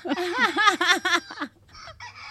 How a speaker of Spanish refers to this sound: Nos cantó el gallo.